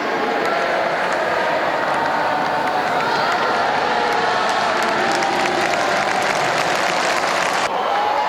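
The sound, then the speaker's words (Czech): A large tennis crowd on the center court of Roland Garros in Paris cheers and applauds Rafael Nadal on his birthday, 3 June, continuously, a dense wash of clapping and shouting voices that holds steady at high volume throughout, with scattered whistles and indistinct voices mixed in. “Pomalu se to rozjíždí, zatím ještě ta kulisa není tak výrazná, ale za chviličku už to uslyšíte.”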